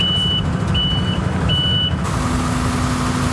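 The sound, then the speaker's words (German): A truck delivering and unloading sand in the town centre of Villingen-Schwenningen: its reversing alarm beeps three times in a steady rhythm over a loud, rumbling diesel engine, then the beeping stops while the engine keeps droning. “Wir kennen das doch, der LKW klingt wie?”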